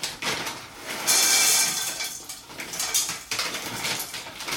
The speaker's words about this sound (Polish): To teraz wsypię pestki z dyni.